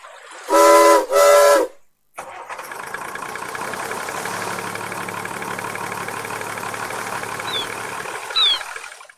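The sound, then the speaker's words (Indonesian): Two loud, back-to-back steam whistle blasts sound, then after a short pause the Professor's ship's engine starts up and keeps running with a steady rumble. “Yuk kita hidupkan kapal Profesor.”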